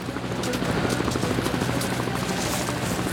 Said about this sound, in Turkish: Göremiyorum ama helikopterin giderek daha gürültülü olduğunu duyabiliyorum.